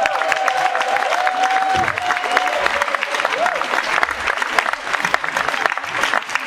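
An audience applauds steadily for several seconds, a dense wash of clapping with crowd murmur mixed in and a brief high whistle-like tone early on.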